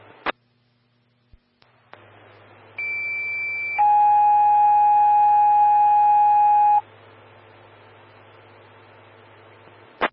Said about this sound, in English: One, engine 132, medic 112, standby for tones on a motor vehicle collision.